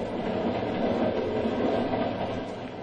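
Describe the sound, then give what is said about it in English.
A train running at 60 miles an hour on open track in the dead of night rumbles steadily, a loud, continuous roar of wheels and carriages with no breaks, alone without any voices. “I want you to be my guest on a little train ride.”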